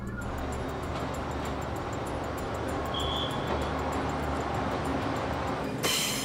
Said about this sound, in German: Wir kommen nach Shifeng, wo der Zug zur Attraktion wird. Er zwängt sich auf der Old Street durch das Städtchen.